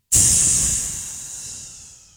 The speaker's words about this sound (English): Hearing that same sound of air coming out of a balloon.